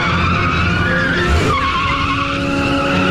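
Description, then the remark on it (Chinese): A black sedan's tires skid loudly through a sharp U-turn, a harsh, steady squeal over a roaring engine lasting about three seconds, with a brief heavier surge midway and no voices. “董杰与肖雷相视一眼，突然调转车头向相反方向开去。”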